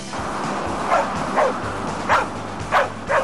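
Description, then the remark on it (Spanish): A Mexican Red Cross search and rescue dog barks repeatedly in short, sharp bursts, about five barks spaced unevenly over a few seconds, against steady outdoor noise, after locating people trapped under rubble during a disaster simulation at a national training center in Toluca, Mexico. “binomio canino de búsqueda y rescate de la Cruz Roja Mexicana, ubicó en cuestión de segundos a dos personas atrapadas debajo de los escombros durante una simulación de desastre en el Centro Nacional de Capacitación y Adiestramiento de Toluca.”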